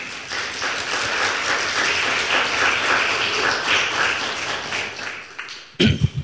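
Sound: audience applauding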